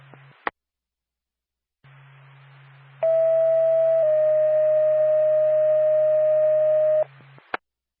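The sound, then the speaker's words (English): A Lancaster ambulance dispatch alert tone over NORPAC radio: a steady high beep for about a second drops straight into a slightly lower, sustained tone for three seconds, loud over a low radio hum framed by clicks. “Stand by for tone.”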